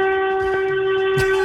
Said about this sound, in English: That's a horn.